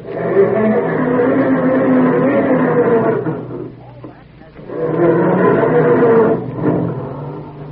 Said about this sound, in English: Or does your car sound more like this when Dad goes to start it up in the morning?